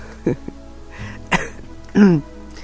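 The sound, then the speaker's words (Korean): A few short, harsh coughs and throat-clearing bursts from a radio host with a cold, runny nose and sore throat during a lunchtime broadcast, spaced apart, the last one longer and more voiced, with quiet room noise between them. “기침이 계속 나고 콧물도 나고 목도 너무너무 아파요.”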